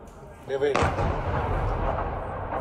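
A Russian missile strike explosion hits a building in Ukraine's capital, in an attack of missile and drone waves: a short tonal cry, then one sudden, powerful blast that gives way to a loud, sustained roaring rumble with crackling debris through to the end.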